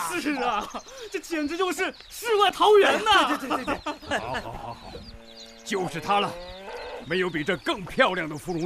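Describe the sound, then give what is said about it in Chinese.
An old yellow ox moos in long, drawn-out lows beside a clear stream near a large stilted wooden house in Wang Village, amid a busy farmyard with chickens clucking and voices chattering in the background, all lively. “这清澈溪水边的老黄牛，远处的峰峦叠嶂，这个景可是太美了。”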